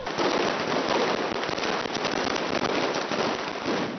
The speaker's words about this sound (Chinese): 与此同时，西班牙马德里也爆发劳工游行，抗议者们燃放鞭炮及红色信号弹，高喊着工人阶级万岁等口号，浩浩荡荡地穿过街道。